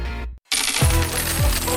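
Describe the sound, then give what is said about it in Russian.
Coins clinking and jingling in a bright, metallic cascade after a brief silence, with a couple of lower thuds as they spill and settle, in an advertisement for Fishka Sushi; no talking. “Слышишь этот манящий звон?”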